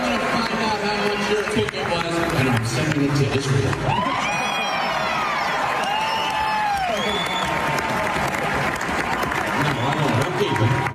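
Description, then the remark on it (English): A loud crowd at a Seinfeld comedy show cheers and applauds continuously after he answers hecklers, with dense clapping, scattered whoops and rising shouted voices blending into a steady roar throughout. “Big cheer from the crowd.”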